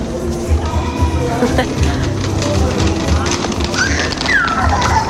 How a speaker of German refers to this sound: Ah, sehr lebendig. Irgendwo schreit immer ein Kind.